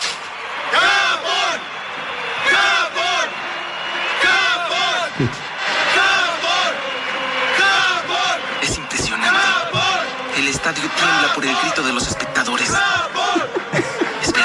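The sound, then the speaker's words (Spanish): A large crowd of spectators at a football match shouts and cheers continuously, many overlapping voices rising and falling in a loud, dense roar that fills the whole stretch, like spectators in a packed stadium. “Estadio tiembla por el grito de los espectadores.”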